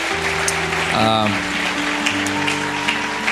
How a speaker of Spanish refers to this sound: Así que bueno, dale un aplauso fuerte al Señor por eso.